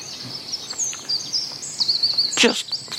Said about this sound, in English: Because you could do that here. You could drop off at a moment's notice with the calming sound of the birds twittering away, thinking, go to sleep, wake up in an hour or two when this program's finished.